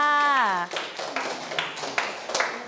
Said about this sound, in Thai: เยี่ยมมากเลยค่ะท้วนเลยปรบมือให้เพื่อนค่ะ